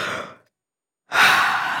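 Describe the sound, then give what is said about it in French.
A big, breathy yawn: a short drawn-in breath, a brief silent pause, then a long, loud, airy exhale that slowly trails off. No talking. “Tu entends? Toudou, mon doudou, bâille.”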